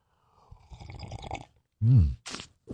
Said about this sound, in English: All right, let's kick off the morning with a little coffee, a little juice, a little OJ, whatever you need to get your day off to a good start. We call it the morning slurp. You ready? All right, here we go.